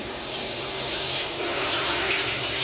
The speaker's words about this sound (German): Unter der Dusche. Wird sich noch ein bisschen eingeseift.